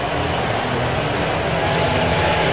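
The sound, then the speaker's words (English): A baseball stadium crowd at T-Mobile Park roars and cheers after a Mariners walk-off hit into the right-center gap in the bottom of the 10th inning, a dense, unbroken wall of loud noise that holds steady from start to finish. “They're going crazy here at T-Mobile Park.”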